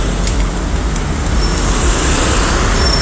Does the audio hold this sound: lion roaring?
no